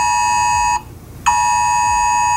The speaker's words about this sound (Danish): Og ja, der bliver testet sirener lige nu, så hvis du har et åbent vindue, så kan du nok høre det derude, eller også så kan du høre sirenetesten på din telefon, eller har lige hørt den her lyd.